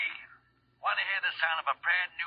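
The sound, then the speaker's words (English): A telephone rings at about 11:15 on a Tuesday night in short, insistent bursts with a warbling, trilling tone. It is fairly loud, with brief gaps between rings and no talking over it. “It was about 11:15 Tuesday night when my phone began making itself felt.”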